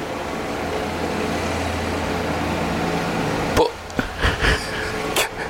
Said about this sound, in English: Oh, someone's just gone past in a loud car. Oh, this is ridiculous.